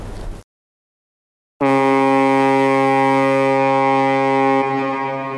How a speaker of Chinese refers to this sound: 伴随着悠长的汽笛声，龙推611号正在缓缓地驶离港口。不久之后，它将抵达哈尔滨市，完成本次的货运任务，也将重新连接起松花江上的这一条黄金水道。